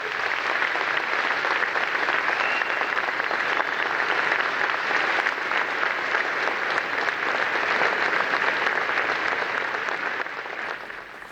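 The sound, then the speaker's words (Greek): Sustained applause from a large crowd after a speech by the Greek prime minister, a dense, steady roar of clapping that holds loud for the whole stretch and only begins to thin slightly at the very end, with no voices over it. “Ακούσαμε τα χειροκροτήματα, συνεχίζονται.”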